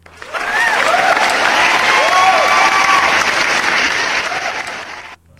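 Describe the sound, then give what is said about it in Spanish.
Loud, sustained applause from a large audience for a caller on a show, a dense wash of clapping with a few whoops and cheers rising above it, lasting about five seconds before stopping abruptly. “Fuerte el aplauso para Víctor.”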